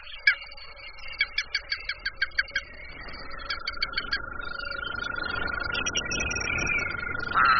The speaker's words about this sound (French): Regarde, les crapauds sortent de leur cachette pour aller se rafraîchir dans l'eau. Écoute, tu les entends?